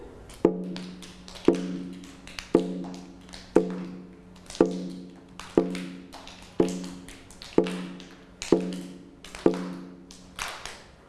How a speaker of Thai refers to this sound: นี่นะคะก็คือกลองนั่นเองเดี๋ยวเรานะคะมาทบทวนจังหวะที่เราใช้ในการเคลื่อนไหวกันค่ะ